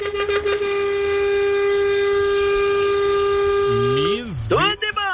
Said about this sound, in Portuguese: Misericórdia, não economizou nem um segundo da buzina, rapaz.